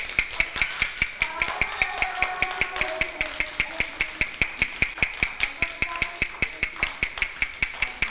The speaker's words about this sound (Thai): ถ้าครูหญิงเคาะ2ครั้งติดกันแบบนี้คือจังหวะอะไรคะ